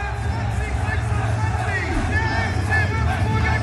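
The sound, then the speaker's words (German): A large stadium crowd of Würzburger Kickers fans at the Dalle roars in a steady, loud wash of cheering voices, with individual shouts rising out of the dense babble throughout as they celebrate winning the Toto-Pokal. “So klang es, als sie den Toto-Pokal am Dalle gewonnen haben.”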